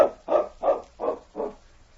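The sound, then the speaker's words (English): A dog barks five times in a steady rhythm, each bark short and full, right outside the door of a cabin, with no voices around it. “Sounds like that dog is right outside the door.”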